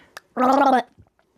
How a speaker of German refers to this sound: Und nachher kannst du uns noch was vorgurgeln.